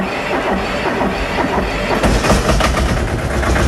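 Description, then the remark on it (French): A two-cylinder tractor engine runs loud, its steady rhythmic knocking thudding over a rough mechanical rumble, with no voices. “C'est un deux cylindres, alors ça cogne un peu, hein, ça ronronne pas comme une Formule 1.”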